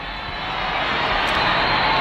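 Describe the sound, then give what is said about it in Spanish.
A dense roar of a crowd waiting for Pope Leo XIV, a wave of shouting approaching, swells steadily louder over a couple of seconds, a continuous wash of voices with no single words standing out. “La ola del grito se acerca a ti, Elena.”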